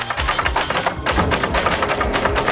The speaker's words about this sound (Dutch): Hij zette in een bibliotheek in Zwolle een hele rits oranje typemachines neer, waar mensen lekker op kunnen rammen op de toetsen.